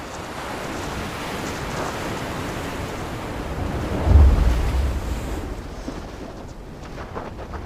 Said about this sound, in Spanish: Mal clima. Vientos fuertes, olas altas. Ya es peligroso para quienes están afuera.